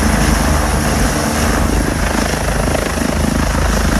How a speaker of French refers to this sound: Voilà maintenant, vous savez tout, l'envers d'un décollage du Dragon 25, l'un des hélicoptères de la sécurité civile, n'a plus de secret pour vous.